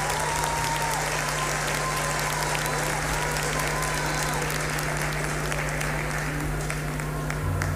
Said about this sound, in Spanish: gracias, de verdad, muchas gracias por sus aplausos. Muchas, muchas gracias.